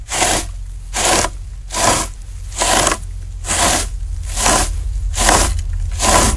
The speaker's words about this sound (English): It's probably somebody raking leaves out there or something like that. You're absolutely spot on. That's exactly what it is.